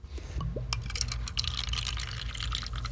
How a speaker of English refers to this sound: First, samples from our soda, the one from the 1979 newspaper, are poured into little cups.